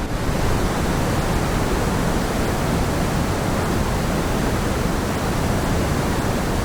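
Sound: pink noise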